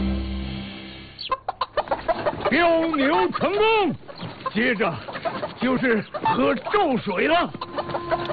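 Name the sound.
rooster crowing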